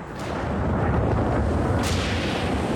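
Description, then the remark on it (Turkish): Deep, rolling thunder rumbles steadily through a severe rainstorm with lightning, heard from the top of a tree in Namibia. Two sharper cracks stand out over a constant hiss of rain and cold wind. “Yağmur yağıyor. Şimşek çakıyor.”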